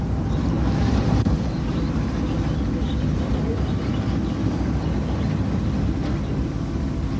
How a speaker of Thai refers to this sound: ท่ามกลางความมืดมิดของท้องทะเลเรือไฟล่อปลากำลังจอดลอยลำอยู่เหนือแนวปะการัง